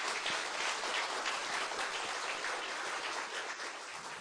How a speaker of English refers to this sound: So please give a rounding, loving applause for our expert panel.